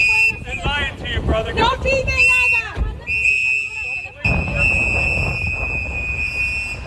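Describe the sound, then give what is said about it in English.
Activists blow shrill whistles almost nonstop outdoors, several at once, with warbling bursts early on, as masked ICE agents place a handcuffed man into a black SUV; voices shout and chatter underneath, telling the man not to talk with the officers, and wind buffets the microphone. “This video shows masked agents placing a handcuffed man into a black SUV, the sound from activists blowing whistles and telling the man not to talk with the officers.”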